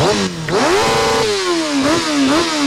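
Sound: motorcycle engines revving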